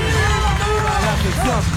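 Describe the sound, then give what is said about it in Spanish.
A loud, steady wash of audience applause for Luis Ventura, president of Aptra, at an awards ceremony fills the whole moment, with a crowd's voices and cheers blending into the clapping. “Luis Ventura, el presidente de Aptra, fuerte el aplauso para Luis.”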